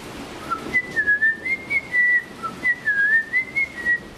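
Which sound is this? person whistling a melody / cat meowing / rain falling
person whistling a melody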